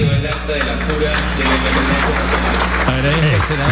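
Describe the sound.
Sustained applause from a large group fills the parliament chamber after the reading of the act of independence at a solemn session marking 205 years of independence, a steady dense patter of many hands clapping at once with voices murmuring underneath throughout.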